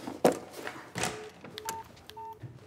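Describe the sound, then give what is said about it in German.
Several short electronic keypad beeps from a mobile phone as a guest dials a call to his lawyer, dialed in quick succession with brief gaps, each a steady dual tone, preceded by a couple of soft taps or clicks. “Was macht unser Gast? Der telefoniert.”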